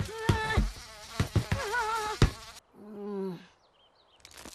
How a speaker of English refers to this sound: There's a bee in here!